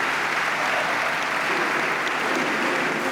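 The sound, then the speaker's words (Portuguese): A large audience at the LIVRE party congress applauds steadily, a dense, continuous wash of clapping that stays loud and even throughout, with no voices standing out. “É um desafio já feito pelo LIVRE, mas trazido aqui ao Congresso e a levantar de novo a plateia.”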